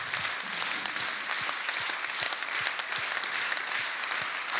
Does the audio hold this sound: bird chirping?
no